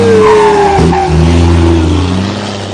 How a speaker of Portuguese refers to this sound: Corta o problema da bomba do caminhão, fica regulado, mangueira reparada, caminhãozão pega o estradão, vambora.